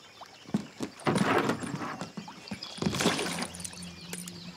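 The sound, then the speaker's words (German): A drifting rowboat rocks on water in a nature reserve, with hollow wooden knocks, creaks and sloshing splashes coming in uneven bursts, and a faint steady hum underneath; no one speaks. “Lass doch keiner ein Boot abtreiben und liegt noch eine teure Smartwatch daneben.”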